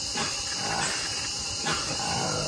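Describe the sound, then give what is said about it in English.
Colobus monkey calls, rough, low roaring sounds repeated a few times, carrying through a steady hiss of forest ambience, from a black-coated colobus monkey living high in the canopy of the Congo Basin, Democratic Republic of the Congo. No one speaks. “is a colobus monkey living high in the canopy of the Congo Basin in the Democratic Republic of the Congo”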